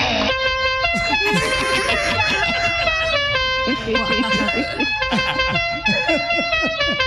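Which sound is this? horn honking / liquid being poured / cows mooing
horn honking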